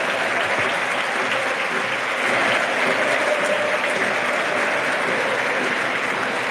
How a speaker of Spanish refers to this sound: Es el aplauso de todo el Molinón por el derroche físico y compromiso.